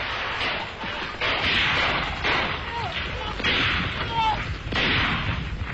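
Loud, repeated gunfire crackles in broad bursts, several shots clustering every second or so, with a dense rumbling wash between them and brief higher whistling tones sliding through.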